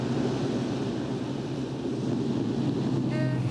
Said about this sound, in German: Trecker. Vielleicht nimmt er uns mit. Vielleicht die falsche Seite. Hält er an?